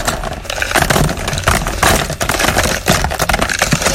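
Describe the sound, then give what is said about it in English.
Loose items clatter and rattle continuously as they are poured into a shuffle drum, a dense jangling and tumbling noise with brief pauses, no voices. “First of all, let's empty this week's songs into the shuffle drum.”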